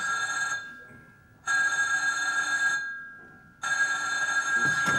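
A theatre bell rings the third call for everyone to take their places, in three long, loud bursts separated by short pauses, its bright metallic trill steady and shrill, with no one speaking.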